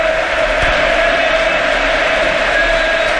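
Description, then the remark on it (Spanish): A stadium crowd at Camp Nou roars in a loud, steady ovation for footballer Pedri as he leaves the pitch in his 250th Barça match, a dense wash of cheering voices that holds at an even level for the whole stretch without any talking over it. “Recibe una gran ovación del Camp Nou.”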